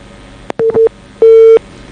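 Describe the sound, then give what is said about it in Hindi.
A telephone busy tone after a listener's phone call to a farming advice programme gets cut off: a steady mid-pitched electronic beep repeating in on-off pulses, a couple of quick blips and then longer tones, over faint line hiss with no voices. “हाँ डॉक्टर साहब, शायद अपना श्रोता को फोन कट गयो,”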